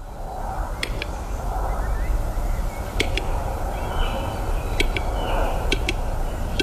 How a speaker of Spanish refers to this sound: Es el canto de uno de los habitantes. Cada vez en más recesión, pero el urogallo sigue siendo el reclamo fundamental de, junto con los picos de Europa, la otra gran reserva natural